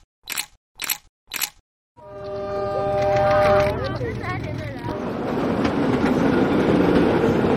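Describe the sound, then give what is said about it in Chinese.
Three short voice bursts, then a Beijing suburban railway S2 line commuter train, known as the train to spring, roars past. A sustained horn blares over the rumble before fading into steady rolling and rattling of the cars on the rails. “从 S2 经过的时候，照片非常好看的市郊铁路 S2号线，我们叫开往春天的列车。”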